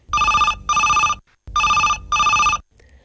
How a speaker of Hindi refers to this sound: जी हाँ, कार्यक्रम हेलो फरमाइश में दिन भर की थकान के बाद सुकून के कुछ पल इस कार्यक्रम के साथ, और ये है आज का पहला फोन कॉल।